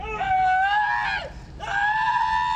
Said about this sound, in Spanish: Este es el momento en que un inmigrante es detenido por ICE en su auto y recibe varias descargas eléctricas. Testigos grabaron el momento en que grita de dolor, pide ayuda y pide un abogado.